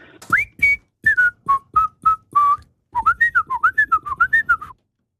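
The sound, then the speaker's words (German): A person whistles the melody of a late-1960s pop hit, deliberately not quite correctly, first in short separate held notes, then a quicker run of bouncing, wavering tones, clear with no talking. “Ich habe allerdings die Person, die pfeift, angehalten, möglichst nicht so korrekt zu pfeifen, wie sonst es einfach wäre, gell?”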